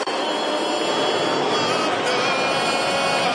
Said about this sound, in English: Here we go. Those are the jets, the airplanes.